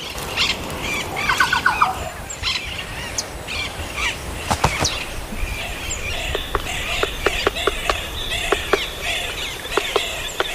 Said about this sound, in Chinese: 当阳光穿透云层，山间又回荡起悦耳的鸟鸣。